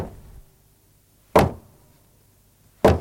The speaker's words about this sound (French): Mais voilà que mon ami le cheval frappe à ma porte. Je crains que les voisins ne se plaignent.